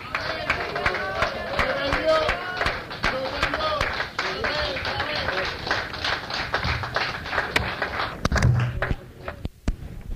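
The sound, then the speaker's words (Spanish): A church audience applauds God during a prayer and healing service, steadily for about ten seconds, dense sharp claps from many hands, with voices murmuring and calling out underneath before the clapping thins near the end. “Más aplausos a nuestro rey, hermanos, él está aquí.”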